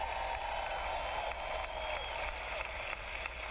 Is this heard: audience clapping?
yes